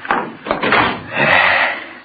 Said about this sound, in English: Shut the door.